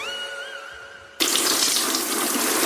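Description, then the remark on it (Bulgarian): A steady high tone holds for about a second, then cuts off as water suddenly starts pouring over a Triano BG cabinet in a bathroom, a loud, continuous rushing splash that runs to the end with no voices. “Защо поливаш кафа в банята?”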